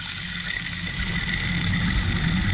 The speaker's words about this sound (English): This is the rain stick.